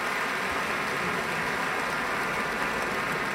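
Sustained audience applause after a guitarist's encore, a jota by Francisco Tárrega, at a Pacific Symphony broadcast concert: a dense, steady wash of many hands clapping at even loudness throughout, with no voices and no music.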